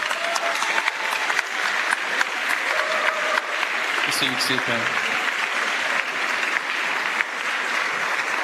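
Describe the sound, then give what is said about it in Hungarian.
Steady, dense applause from a crowd of listeners for the musical service of members of the Emmanuel community, continuous clapping throughout, with a voice briefly speaking over it partway through. “Még egy nagy tapsot úgy gondolom megérdemelnek.”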